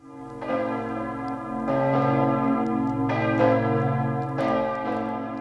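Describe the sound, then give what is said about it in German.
The bells of Ettal Monastery ring out in full, overlapping peals, with new strikes arriving every second or so and rich, sustained tones hanging in the air. No one speaks. “Das sind die Glocken von Kloster Ettal, sozusagen die örtliche Hausmusik.”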